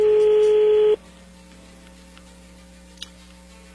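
A phone call being dialed: a steady, loud telephone tone for about a second, then a quiet, humming line broken by a couple of faint clicks.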